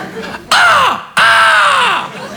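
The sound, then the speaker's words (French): A voice mimics a squealing bicycle brake with two loud, harsh screeches, the second longer, each sliding downward in pitch, prominent with a short gap between them. “Il y a un corbeau mort dans le frein?”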